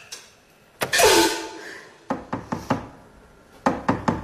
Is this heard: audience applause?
no